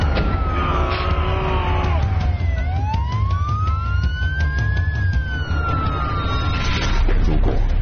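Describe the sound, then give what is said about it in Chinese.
A fire engine siren wails, its pitch sweeping down, then slowly rising and falling again, loud over a steady, heavy rumble of engine and traffic noise, as the fire engine is stuck on a blocked road into a residential compound. “哎，消防车卡死了，卡死了，救命，救命啊！”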